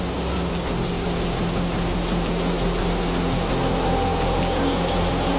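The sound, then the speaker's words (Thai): Steady, heavy rain pours down in a dense, continuous hiss, loud, with a low rumble of strong wind and surf beneath it as a storm surge drives high waves hard against the shore. No voices are present. “โอ้โหดูที่ทะเลสิคลื่นสูงมากลมแรงมากเลย ฝนเริ่มตกคลื่นกระทบฝั่งแรงแล้วก็สูงมากเลยนะ ไอ้แบบนี้เขาเรียกว่าคลื่นพายุซัดฝั่งนะ”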